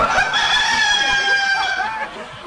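A rooster lets out a loud, drawn-out crow, its strained call sliding down at the end, while hens cluck in a busy farmyard around it.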